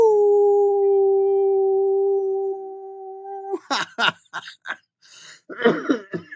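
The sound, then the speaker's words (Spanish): A person lets out a long, steady wolf-like howl lasting a few seconds as a thank-you to listeners, then breaks into a string of rough, uneven coughs and throat clearing, loud; the coughing is blamed on changes in temperature. “Quiero agradecerles muchísimo con un aullido.”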